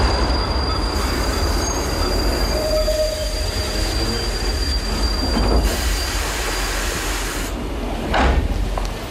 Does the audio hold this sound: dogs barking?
no